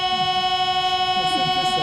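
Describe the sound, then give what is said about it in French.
Notes from the great pipe organ of Nice cathedral hold a steady, bright chord, loud and sustained for the whole moment, recalling a Paris metro door-closing chime, with faint murmuring voices low underneath. “Là, on a l'impression d'être dans le métro parisien quand les portes se referment.”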